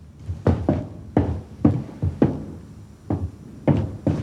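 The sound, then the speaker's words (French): Around nine sharp, smacking hits land one after another in an uneven rhythm, some paired in quick doubles, like repeated slaps to the face, with no voices in between. “Ça va la gifle? T'es pas trop fort?”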